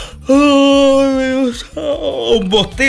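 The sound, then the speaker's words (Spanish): A loud, drawn-out human yawn, a steady voiced tone held for over a second, then trailing into a wavering, breathy vocal sigh. “un bostezo. ¿Qué te dice? Que tienes sueño, claro.”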